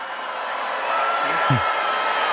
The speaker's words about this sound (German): Ja, und dann wurde er kräftig ausgebuht.